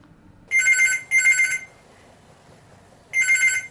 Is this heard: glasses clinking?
no